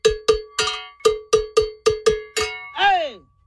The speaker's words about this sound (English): See, the bell is complete. Now all you have to do is weld it. Now this type of bell, they come in different, like high pitch, medium pitch, low pitch. You can hear how low this is.